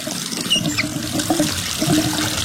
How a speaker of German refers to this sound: Völlig richtig. Ein vielleicht etwas älterer, aber zumindest funktionierender Wasserhahn.